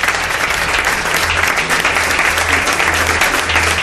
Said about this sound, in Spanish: pide un aplauso. Es el nuevo flamante director de programas de Radio Nacional, Roberto Santamaría.